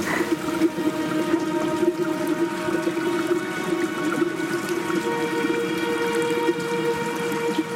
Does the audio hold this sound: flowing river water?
yes